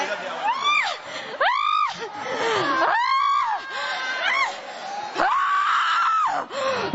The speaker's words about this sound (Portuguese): Vai gritando para Jesus queimar. Grita para Jesus queimar ele.